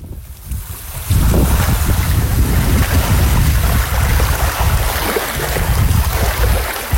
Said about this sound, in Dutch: Het zeewater dat je hoort is het water van Guantanamo Bay. Er staat net aan de andere kant van het hek van de marinebasis van de Amerikanen.